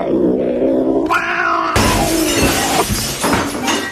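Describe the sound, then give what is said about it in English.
A cat yowls loudly in drawn-out, wavering cries, followed by a sudden crash like something breaking, with more raspy cat noises continuing over the clatter. No one speaks. “Is your cat making too much noise all the time?”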